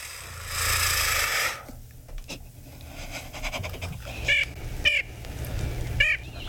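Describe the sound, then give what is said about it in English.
A rushing, fluttery burst like flapping wings opens, followed by a few sharp, squawky bird calls repeated at intervals, over a quiet outdoor background. “Uh-oh, here comes that crazy bird again.”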